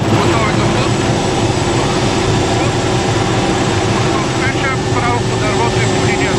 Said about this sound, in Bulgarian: Единственият начин, по който военния хеликоптер Кугър може да спуска вода, е като един от членовете на екипажа се е провесил от отворената врата на машината. Целта е да се облее дърво, което е в пламъци.